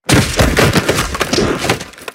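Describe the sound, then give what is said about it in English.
Football shoulder pads crunching together in a loud burst of cracking, crunching impacts, a rapid cluster of sharp snaps and crackles lasting about two seconds with no voices. “Hear those pads crunching.”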